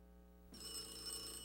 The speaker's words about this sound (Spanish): contesta ese teléfono.